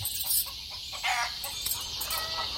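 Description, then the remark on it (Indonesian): A fighting rooster, raised from a chick, clucks and crows in a string of short calls over about two seconds, with a steady hiss in the background and no talking. “Tampaknya ayam aduanmu perkasa.”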